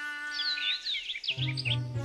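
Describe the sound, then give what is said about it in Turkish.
A bird chirps in a rapid run of quick, high, sweeping notes over a steady tonal background, with a low hum joining partway through. “Şu kuş oluğu mu dayı?”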